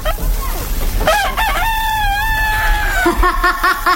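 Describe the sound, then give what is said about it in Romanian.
A turkey gobbles loudly, a rapid warbling burst followed by a drawn-out, wavering call over a low background rumble, with no one speaking. “A, ce caragios ești, curcane! Să nu pleznești de un flot!”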